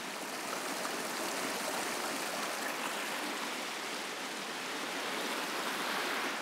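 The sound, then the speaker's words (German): A steady rush of rainwater, fallen months earlier, flowing as a stream through a rocky gorge toward the Indian Ocean fills the whole recording, a dense, even hiss, continuous with no voices. “Es formt diese Schluchten, während es zum Indischen Ozean fließt.”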